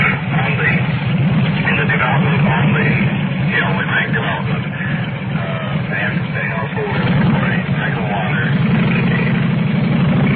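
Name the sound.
car engine idling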